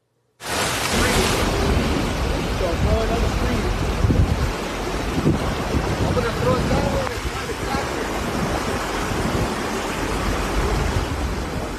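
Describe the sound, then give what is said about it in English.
A loud, steady roar of a river in flash flood after heavy rain in Mora County, northern New Mexico, surging without pause with a dense, wind-like wash of noise from start to finish. “Yeah, that's a river, by the way. That heavy rain triggered a flash flood emergency.”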